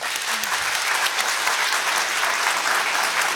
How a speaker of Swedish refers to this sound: Ni får glida av scenen i en applåd.